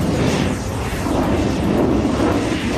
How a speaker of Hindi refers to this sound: और अब शुरू हुआ लड़ाकू विमानों के बीच आमने सामने का भीषण युद्ध। एक ओर 6 शक्तिशाली सेबर जेट विमान थे और दूसरी ओर फ्लाइंग ऑफिसर शेखों का इकलौता नेट विमान।